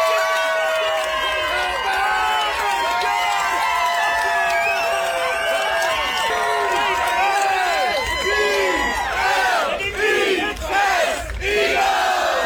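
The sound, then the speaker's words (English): A large crowd of NFL football fans, Eagles fans in Nashville at a tailgate, roars and cheers nonstop, many voices shouting and whooping over one another in a loud, dense wall of sound, with bursts of higher yells near the end. “This is a much happier NFL fan clip. They're cheering about something, and guess in the room, why are they cheering?”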